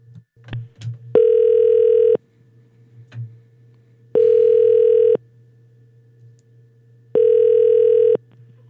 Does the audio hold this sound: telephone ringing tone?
yes